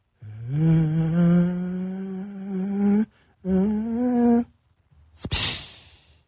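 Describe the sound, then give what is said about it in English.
A voice imitates the distant airplane noise heard on a home surveillance camera video, a long droning hum that slowly rises in pitch, breaks, resumes a second time, then ends with a short breathy whoosh. “I'm going to do my best impression of what you can hear from that somebody's home surveillance camera.”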